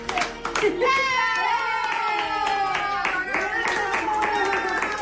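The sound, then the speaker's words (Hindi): Steady, rhythmic, fairly loud clapping as Kopito, a dog, claps its small paws while family members sing Happy Birthday in Spanish for its fifth birthday. “जब परिवार के सदस्य उसके लिए स्पेनिश में हैप्पी बर्थडे गाना शुरू करते हैं, कोपिटो खुशी से अपनी पूंछ हिलाने लगता है और अपने छोटे छोटे पंजों से तालियां बजाने लगता है।”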